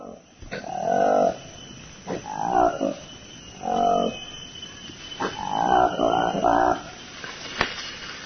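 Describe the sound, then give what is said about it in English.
A forest canopy monkey, known locally as Lokweli, with a black face and pinkish-orange lips, gives a series of loud, deep roaring calls, about five or six harsh bursts in an uneven rhythm, with no one talking, in Lomami National Park, Democratic Republic of Congo. “To the Lomami National Park in the Democratic Republic of Congo now, and if you listen carefully, you might just hear the distinctive roaring animal call.”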